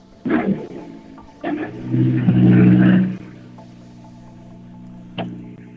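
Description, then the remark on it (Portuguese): A rally car arrives, its engine giving a few sharp bursts and a loud rev, then settles into a steady, low idle as the car comes to a halt, with one brief knock near the end. “Já cá está a chegar.”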